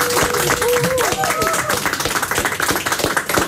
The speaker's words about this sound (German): Okay, weil du dich so getraut hast, bekommst du erstens einen riesen Applaus.